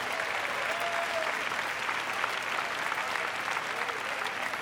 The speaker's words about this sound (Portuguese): Dê-lo para Deus com as palmas. Glory to God.